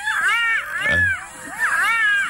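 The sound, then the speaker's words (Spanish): A fox gives two loud, wavering screams, each rising and falling in a harsh, strained wail, with a short gap between them and no talking. “¿Ese también es zorro?”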